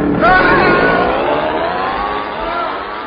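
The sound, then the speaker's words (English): An outboard motor fitted onto a piano catches and roars into a loud, steady rev, its whining engine note rising sharply at first and then holding strong for the rest of the moment. “Now, just fit this outboard motor onto the piano and”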